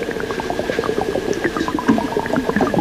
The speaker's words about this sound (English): Like raindrops? Like water dropping, or is it like things plopping into water? Sounds like. That's really neat. Yeah. You'll have to guess what that is. That's chicken frying.